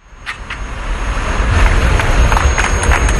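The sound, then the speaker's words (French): Crowd applause at an outdoor ceremony marking the end of controls at the Gibraltar–Spain land border, as workers remove the last fences: dense, steady clapping over a low rumble, swelling in loudness over the first second and a half, then holding strong. “Sous les applaudissements, les ouvriers retirent les derniers grillages qui séparaient Gibraltar de l'Espagne.”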